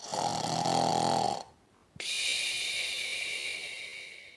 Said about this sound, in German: schläft immer noch tief und schnarcht ganz leise.